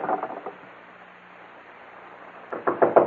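A quick series of knocks on a door, then a pause of about two seconds before a louder, heavier round of pounding. Each burst is rapid, with no voices.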